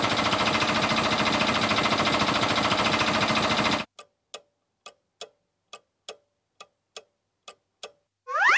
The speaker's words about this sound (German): Ja, das ist ein Generator, den die Feuerwehr dabei hat, um ihre Geräte überall mit Strom versorgen zu können.